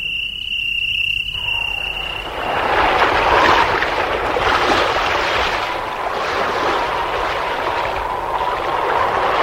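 A brief high, buzzing chirp, then a steady rush of wind and waves swells up aboard a sailing ship at sea bound for the coast of Tunisia, surging loudly and continuously with no voices.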